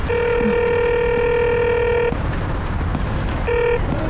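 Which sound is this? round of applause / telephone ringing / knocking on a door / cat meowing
telephone ringing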